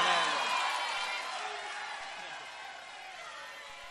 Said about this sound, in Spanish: Muchas gracias, buenas noches. Y un aplauso enorme